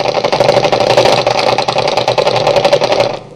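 A bomber plane's engine drones loudly in flight, a steady rough roar with a fast pulsing throb that holds for about three seconds before cutting off. No voices are heard.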